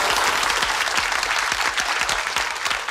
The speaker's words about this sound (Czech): Zasloužený potlesk pro paní Ivu a její velký a rozhodně nejen komediální dramatický talent.